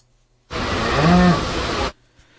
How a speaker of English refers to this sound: And some cattle here at center stage on Beef Day at the New York State Fair on Tuesday.